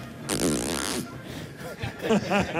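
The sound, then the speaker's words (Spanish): A pet bird named Pavarotti lets out a loud, raspy buzz that sounds like a zipper being pulled, lasting under a second, followed by a few short, higher tonal chirps. “Pero ahora parece una cremallera.”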